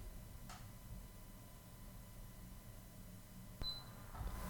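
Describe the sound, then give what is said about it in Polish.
A click followed by a brief, high-pitched electronic beep from a KVM switch as it switches port, set against a steady low hum and hiss from an older Windows computer with a poorer sound card; a fainter click comes earlier. “Było słychać piknięcie, teraz trochę więcej hałasu, bowiem ten komputer jest nieco starszy i ma nieco gorszą kartę dźwiękową.”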